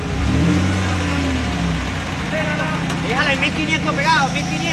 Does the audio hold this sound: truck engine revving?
yes